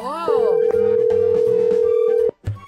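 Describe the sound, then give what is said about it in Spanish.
A loud, steady electronic phone tone holds unbroken for about two seconds, like a ringback heard through a handset, during a prank call to a 9-year-old boy's cell phone, while voices and background noise carry on beneath it. “tenemos el teléfono de un morrillo.”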